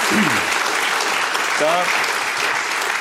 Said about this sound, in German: Da waren die, ja, da kann man klatschen auf jeden Fall.